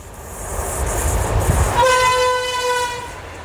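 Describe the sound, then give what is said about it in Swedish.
A train rumbles past, then blasts a long, steady horn that holds for over a second before cutting off, with the rolling rail noise continuing underneath; by tradition, the train driver sounds the horn to greet and honour a spruce tree. “Och än idag tradition att man hälsar och tutar och visar ära för det här trädet som är en gran.”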